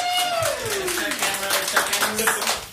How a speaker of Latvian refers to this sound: Pat viņi sev arī aplaudē. Pelnīt aplausu, tev drīkst, jā!